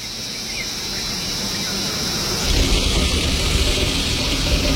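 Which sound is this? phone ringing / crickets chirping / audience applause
crickets chirping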